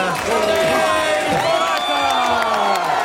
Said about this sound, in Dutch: Niet alleen hij, iedere renner krijgt zijn eigen applaus.